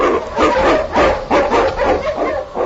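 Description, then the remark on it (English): A team of husky sled dogs, led by the lead dog King, barks excitedly in quick, overlapping bursts, loud, with yips mixed in, as they blaze a trail through storm and snow in the Yukon. “On, King! On, you Huskies!”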